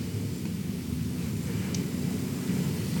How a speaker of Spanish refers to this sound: Y va a seguir lloviendo firme, como decimos en el sur, hasta las 5.